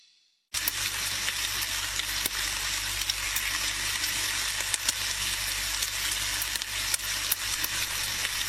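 Sausages sizzle steadily in a hot pan, a dense, crackling hiss with frequent sharp pops and spits, continuous after a brief silent start, with no voices.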